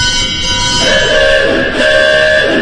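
A theatre organ's car horn effect sounds two loud, sustained honks in quick succession over a low rumbling organ tone. The blaring, slightly discordant blasts come close together, with no talking.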